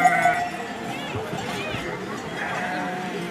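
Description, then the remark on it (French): Several sheep bleat repeatedly in a busy flock as each ewe passes through a small wooden corridor while the flocks are divided among the shepherds. Their calls overlap amid shuffling movement, with faint voices of people in the background. “Chaque brebis passe dans un petit corridor en bois.”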